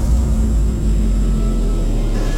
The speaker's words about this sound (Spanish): La calle luce vacía. Solo se sigue escuchando a lo lejos el sonido de los autos.